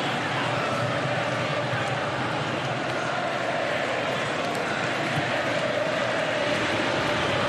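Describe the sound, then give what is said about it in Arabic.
A huge stadium crowd of Argentine football fans in Miami roars continuously, a dense, steady wall of cheering and chanting that fills the whole space without letting up. “أجواء كبيرة يصنعها الجمهور الأرجنتيني هنا في ميامي.”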